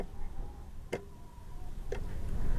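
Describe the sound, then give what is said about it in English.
A black and white wall clock on a kitchen wall ticks twice, about a second apart: crisp clicks over a low, steady background hum with no voices. “The clock ticks on the kitchen wall.”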